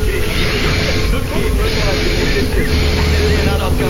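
A continuous run of breaths spliced end to end with no gaps, forming a loud, steady, hissing rush with faint squeaky tones running through it, like a rusty wheel grinding along.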